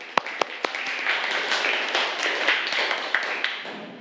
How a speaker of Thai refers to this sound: ซึ่งเก่งมากๆอ่ะและปรบมือให้กับกลุ่มแรกของเราด้วยค่ะ